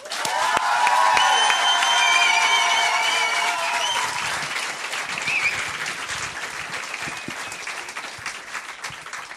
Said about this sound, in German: Ihr seid lieb. So einen Applaus kriege ich immer nur, wenn ich auf die Bühne gehe. Wenn ich runtergehe, ist das immer anders.